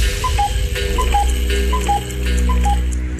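A game countdown timer for a 7-second round ticks steadily, each beat a two-note tick-tock with the second note slightly lower, repeating about four times over a constant background drone.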